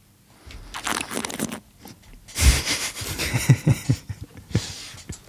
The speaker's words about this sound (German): was man dann noch machen kann, ist der Schritt, den wir vom Sebi auch gelernt haben, das Schlürfen